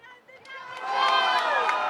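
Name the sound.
audience applause and cheering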